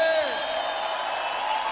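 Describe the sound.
A crowd shouts and whoops with excitement, many voices blending into a loud, sustained roar of cheering that holds steady for a couple of seconds.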